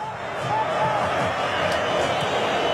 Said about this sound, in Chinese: 这个时候，我们看每一次大脚的解围，都会赢得球迷的这种掌声和呐喊啊！ 这是阿根廷球迷的呐喊， 对对，一定是阿根廷球迷。